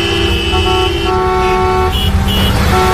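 Car horns honk repeatedly in sustained, overlapping blasts over a steady, loud rumble of road traffic on national road 501, full of cars returning to their towns in the afternoon, with several horns sounding at different pitches throughout.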